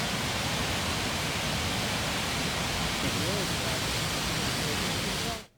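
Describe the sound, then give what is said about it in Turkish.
Heavy afternoon downpour in Ankara roars in a dense, unbroken hiss across the whole clip, loud and steady without letting up, then cuts off abruptly at the end. “Ankara'yı bir kez daha sağanak vurdu.”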